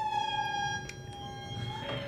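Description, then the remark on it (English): Lemurs from Madagascar calling: a long, steady, siren-like wail with a bright harmonic tone, holding one pitch before shifting near the end, over a low rumbling background. “These are lemurs.”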